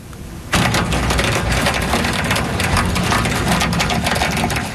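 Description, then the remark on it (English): Pea-sized hail pelts down on parts of Montreal just before 8:30 at night in a dense, continuous clatter that starts abruptly after a brief quiet moment and stays loud throughout, with no voices. “This is what they were facing, hail about the size of peas dropping on parts of Montreal just before 8:30 tonight.”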